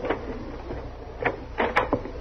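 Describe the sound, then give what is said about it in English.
A short series of mechanical clicks and clunks, like a lock being worked and a door pulled open, with one sharp metallic tick near the end; fairly quiet, no voices. “Stop talking so much and open the door.”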